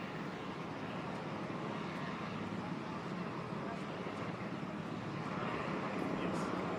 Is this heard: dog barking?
no